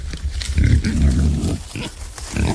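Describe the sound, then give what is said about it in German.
Feral pigs (javaporcos) in Brazil grunt in low, rough bursts, several overlapping grunts and snorts in an uneven rhythm, fairly loud, with no one speaking. “Herkömmliche Weidezäune überrennen die Javaporcos meist einfach und auch elektrische Zäune können sie zerstören.”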